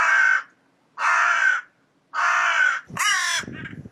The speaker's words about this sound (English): Is that the sound of a territory crow? I'm always worried when I play you a bird song if it's not exactly the right sound, but I think that one might be.